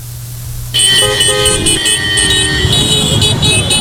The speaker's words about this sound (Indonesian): Bisa nggak sih kalau nggak ngelakson berkali-kali? Siapa tidak mengenal klakson? Komponen ini pasti tersemat pada kendaraan bermotor baik roda 2 maupun roda 4, bahkan truk dan bus sekalipun.